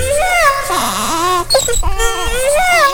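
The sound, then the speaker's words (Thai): A loud wailing moan resembling a crying baby, made by a fox trapped inside an elephant's belly as it claws at the belly wall, its pitch wavering up and down almost continuously for a few seconds with one brief break midway. “มันจึงได้คิดแผนการร้ายขึ้นมาอีกอย่างหนึ่งนั่นก็คือตะกุยหน้าท้องของช้างพลางกับส่งเสียงร้องครวญครางเหมือนเด็กทารก”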